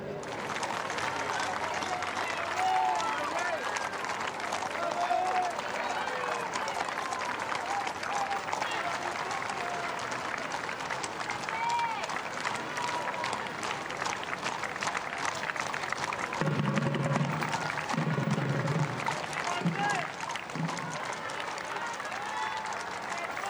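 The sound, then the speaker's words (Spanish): A large crowd applauds and cheers continuously, greeting the king and queen and Leonor, Princess of Asturias, a dense wash of clapping with scattered shouts and whistles rising above it, and a few low bursts of voices partway through. “aplausos y vivas, ¿no escucháis? Saludan a los reyes, a Leonor, princesa de Asturias.”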